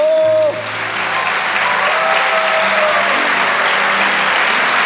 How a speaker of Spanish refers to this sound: Vamos, dale ese aplauso al Señor más fuerte.